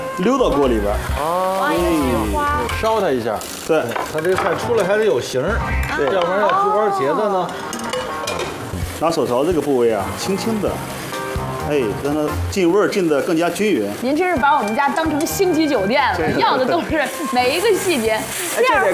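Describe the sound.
A steady, hissing sizzle of a Sichuan fish-fragrant (yu xiang) sauce of light soy sauce and MSG being poured into a hot wok for chrysanthemum eggplant runs under continuous conversation, with occasional light clinks of utensils against the pan.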